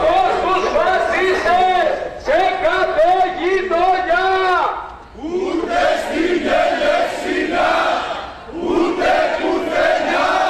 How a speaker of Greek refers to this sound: Το βράδυ της Παρασκευής στους δρόμους της Ελευσίνας, δεκάδες διαδηλωτές έκαναν αντιφασιστική πορεία φωνάζοντας συνθήματα κατά της φασιστικής βίας.